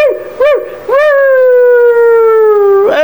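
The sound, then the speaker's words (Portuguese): A dog whines in two short rising-and-falling yelps, then lets out a long, steady howl that holds for about two seconds, loud. The dog is crying with joy. “Papai, o animal chega, pai, o cachorro chega a chorar, menino, é de alegria, viu?”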